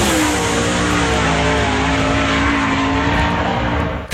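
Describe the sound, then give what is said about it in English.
A loud 410 sprint car engine at a speedway roars steadily for about four seconds, its harsh buzzing tone holding high and sustained before cutting off abruptly at the end. “Don't miss the NART King of the West 410 Sprint Car Series presented by Bi-Mart at Southern Oregon Speedway Thursday night.”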